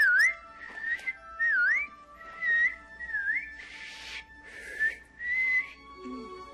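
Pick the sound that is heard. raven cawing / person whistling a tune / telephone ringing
person whistling a tune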